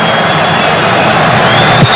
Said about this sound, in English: Yes! You listen to the crowd going nuts. Morocco with the winner. They move on.